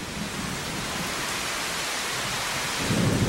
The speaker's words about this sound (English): The storm unleashed the full force of its power with driving rain and great peals of thunder.